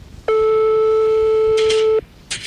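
A telephone call tone sounds as one loud, steady, mid-pitched beep lasting under two seconds, followed by brief soft rustling noises. No one speaks.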